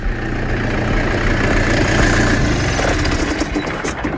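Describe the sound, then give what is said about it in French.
A tractor engine working in a vineyard rumbles loudly and steadily as it approaches, a gritty, rattling drone that holds nearly constant with a faint swell, with no voices over it. “Alors pour essayer d'en savoir un peu plus, je suis en train de monter dans la parcelle parce qu'il y a un tracteur qui travaille là, qui est en train d'arriver vers moi.”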